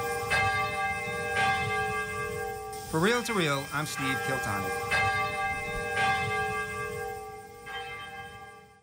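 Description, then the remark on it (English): The St. Kateri Bell of Peace at the Urakami Cathedral in Nagasaki tolls at a slow, steady pace, each loud strike leaving a long, shimmering resonance that overlaps the next. A man speaks briefly over the ringing midway through. “His dream is for the Urakami Cathedral to become a pilgrimage site where people come from around the world to hear the St. Kateri Bell of Peace ring across Nagasaki.”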